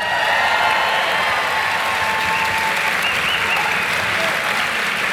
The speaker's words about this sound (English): And our first panel have joined us. Ladies and gentlemen, could you please put a massive round of applause together for TJ Kilcannon, Dermot Flanagan, and James Nallon.